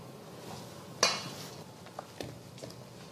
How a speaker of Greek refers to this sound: Τώρα, σε αυτή τη φάση που είμαστε, προσθέτω το αλεύρι και τη βανίλια και ανακατεύω με το χέρι.